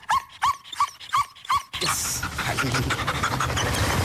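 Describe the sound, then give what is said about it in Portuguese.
Cobra Kai, a female dog of the GNR (Portuguese National Republican Guard) canine unit, pants at the microphone in five quick, rhythmic breaths, then makes wet, scraping licking and rubbing noises as she licks the microphone, loud. “E agora está aqui a lamber o microfone, não é?”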